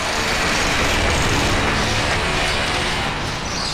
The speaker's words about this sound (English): Just down the road from Manchester, and you can hear the roar of the M60.